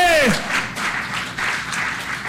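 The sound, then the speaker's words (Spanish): A large audience applauds loudly and steadily for God during a sermon, a dense wash of clapping that fills the whole moment, with a brief falling vocal cry at the very start. “Si ese aplauso es para Dios, es fuerte.”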